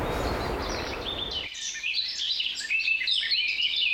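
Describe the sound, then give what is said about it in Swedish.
Seagulls cry repeatedly in high, squealing calls, close and fairly loud, while a rushing wash of waves fills the first moments and then drops away, leaving the gulls calling alone. “fina vattenljud. Lite måsar och vågor.”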